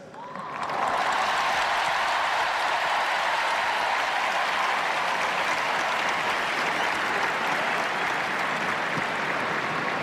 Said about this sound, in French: Et la foule du Stade de France. qui scande le nom du Saint-Père. Une joie spontanée qui se fait ressentir.